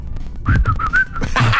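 A person whistles a short run of four or five connected notes at a fairly steady pitch, close and clear, followed by a brief burst of breathy noise.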